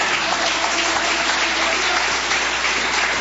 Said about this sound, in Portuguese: Podeis assentar, desocupando as mãos. Palmas que glorifica o nome do Senhor.